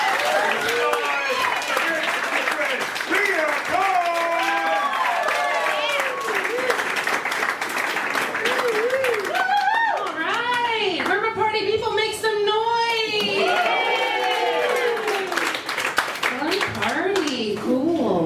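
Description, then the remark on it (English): A comedy show audience claps steadily and loudly for about eighteen seconds, dense and continuous, with excited voices calling and whooping over the applause throughout. “With me going right now, start clapping.”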